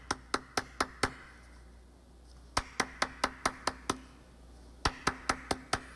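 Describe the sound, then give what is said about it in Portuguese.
Three rapid bursts of knocking on a door, five sharp raps each, separated by short pauses. The knocks are loud and hollow, with no voices. “como é que você bate na minha porta?”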